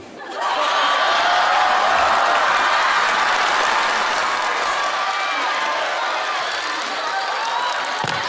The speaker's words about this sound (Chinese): 我们俩把脸挡上，然后把吉他也放下，清唱，然后看看谁得到的掌声多。